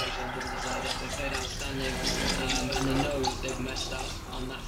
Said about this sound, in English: There's a moment where he offers you coffee and then he pours himself a drink. The vodka orange. There's a moment in the film where I'm filming downstairs and you can hear on my dad's radio mic that he's pouring a very, very stiff vodka orange.